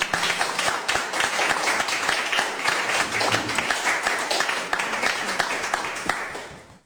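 A crowd applauds steadily for several seconds, welcoming an author at the IGFM's first reading event. It is a dense wash of many hands clapping at an even level before it trails off abruptly at the end.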